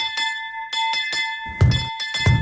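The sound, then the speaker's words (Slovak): A door bell clangs rapidly and insistently, rung violently over and over in quick bursts with a bright ringing tone that hangs between hits, loud, with some heavier thumps mixed in. “Čo sú to za more si takto nivočiť zvonec? Nezvonili ešte do kostola?”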